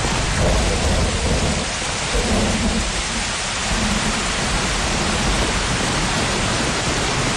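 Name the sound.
rain starting to fall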